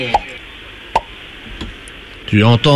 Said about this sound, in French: Tu n'entends toujours rien ? J'entends le tire-bouchon.